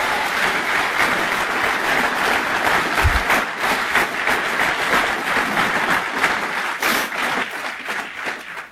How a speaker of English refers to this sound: And he says it, it's the dramatic pause. You better clap for that.